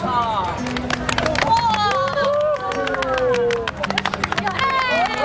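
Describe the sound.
Steady applause from a group of people at a hospital department's welcome dinner, dense rapid claps over lively cheering and excited voices, loud throughout the few seconds.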